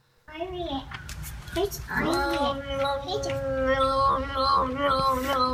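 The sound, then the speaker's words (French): A cat named Peanut, found on the Internet, yowls in a long, continuous run of wavering, rising and falling tones that flip between pitches like yodeling, loud and harmonic throughout with no talking. “Ah mais là c'est un truc de ouf, un chat yodeleur.”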